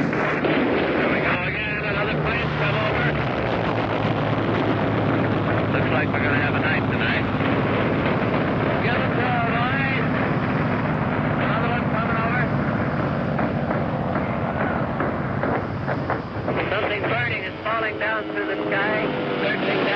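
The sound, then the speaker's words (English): Heavy naval gunfire from warships roars continuously off the stern of a ship, a dense, loud barrage of booms and blasts filling the whole stretch, with a voice speaking under the din. “Very heavy fire now off our stern from warships in that area.”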